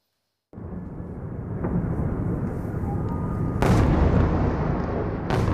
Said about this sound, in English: Russia fires a barrage of missiles and drones at Kyiv in the middle of the night. It's the second mass assault on Ukraine's capital in the past few days.